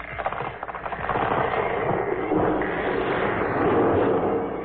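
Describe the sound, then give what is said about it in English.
A big tree is knocked down and crashes: a burst of cracking and splintering swells into a loud, sustained rumbling crash that fills several seconds, with no voices over it. “Your mother has knocked down the big tree.”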